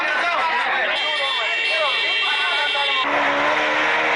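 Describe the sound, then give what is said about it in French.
A dense crowd hubbub of overlapping voices and engine noise from customers at a petrol station in Kédougou on a Sunday, with shrill, sustained car horn blasts from customers cutting through near the end. “Du brouhaha et des coups de klaxon stridents des clients, c'est ce que l'on constate dans les deux stations qui disposaient ce dimanche de l'essence à Kédougou.”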